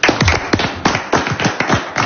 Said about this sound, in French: Je crois qu'on peut entendre vos 6 candidats applaudir, Brian.